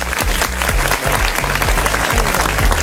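An audience claps steadily in a dense, loud burst of applause, with a low rhythmic musical beat pulsing underneath and no voices standing out.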